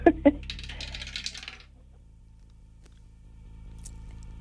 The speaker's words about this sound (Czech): držím v ruce kostku, drž mi pěsti, protože ji právě vhazuji do naší věže.